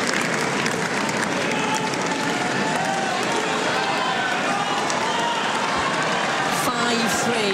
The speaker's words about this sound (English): A loud cheering in round centre court. Linda Noskova getting the opportunity to serve out the match.